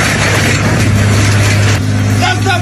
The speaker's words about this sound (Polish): A skoro tak, to podjechał traktorem z podpiętym pługiem i